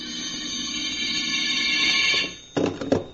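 A telephone rings with a shrill, steady electric buzz for about two seconds, cuts off briefly, then starts again in short, uneven bursts.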